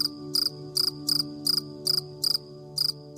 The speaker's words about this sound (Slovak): Len posledné cvrčky takmer nepočuteľne hrajú záverečné noty svojej uspávanky.